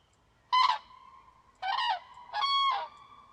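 Three loud, trumpeting calls of common cranes ring out in quick succession, each a harsh, rolling burst with a faint steady tone lingering between them. No one speaks.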